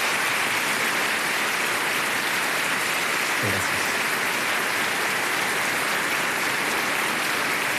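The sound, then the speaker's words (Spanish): Sustained applause from a large crowd in Chile, a dense, even wash of clapping that holds steady for several seconds, with one brief spoken word of thanks heard over it; the applause is requested for the institutions that lead the nation. “Y por eso quiero pedirle a todos un gran aplauso para las distintas instituciones que dirigen nuestra nación.”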